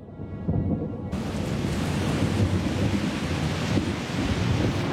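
thunder

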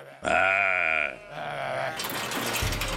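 merino sheep bleating

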